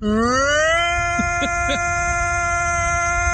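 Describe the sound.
A YouTube personality imitates a tornado siren with his voice, its wail sweeping upward for under a second and then holding a steady, loud, buzzy tone, with a few brief chirps breaking through midway.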